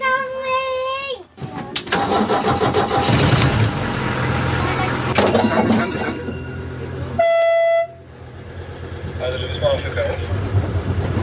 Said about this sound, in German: Also wir fahren jetzt mit dem Schienenbus, der aussieht wie ein Hund. Das Ding scheint sich zu fahren wie ein ganz normales Auto. Der hat da vorne Schalthebel, Pedale.